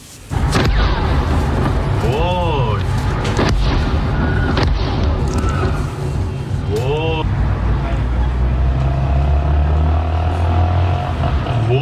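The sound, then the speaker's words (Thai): Several heavy explosions boom one after another over a constant loud roar in the city of Bandar Abbas in southern Iran in the early morning, with sharp blasts spaced a few seconds apart and voices faintly audible in the background. “ผู้เห็นเหตุการณ์ครับบันทึกภาพขณะที่เกิดระเบิดขึ้นอย่างรุนแรงหลายครั้งนะครับในเมืองบันดาอับบาสทางตอนใต้ของอิหร่านครับทำให้กลุ่มควันหนาทึบพวยพุ่งขึ้นไปทั่วบริเวณ”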